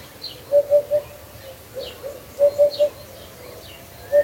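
A hoopoe calls its soft, low, hollow notes in quick triplets, repeated a few times with pauses between, over a quiet background with faint higher chirps from other birds.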